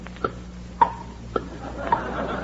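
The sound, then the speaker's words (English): A clock with an alarm ticks steadily, four crisp clicks at an even, unhurried pace, fairly quiet over a faint low hum, with no voices. “In case you weren't, I brought this clock. Listen.”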